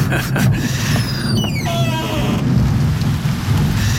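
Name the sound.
rain falling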